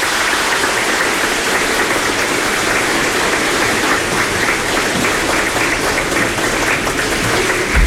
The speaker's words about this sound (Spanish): feliz Día de la Madre. Un aplauso para las madrecitas.